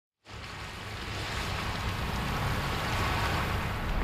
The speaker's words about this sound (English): I'm on the English Bay Beach right now, just walking along the rocks here.